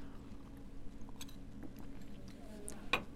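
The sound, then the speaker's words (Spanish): Someone takes a quiet sip of tea served by a companion: soft, brief slurping and mouth sounds over a low steady hum, ending with one sharp little click. “Previo sorbo de tecito, servido por mi compañera”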